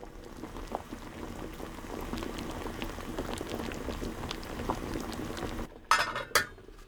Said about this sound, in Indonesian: Masukkan ubi ke dalam panci, tambahkan air hangat secukupnya untuk merendam potongan ubi, kemudian didihkan di atas api sedang.